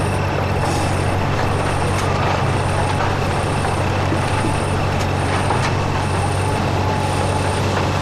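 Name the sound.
truck driving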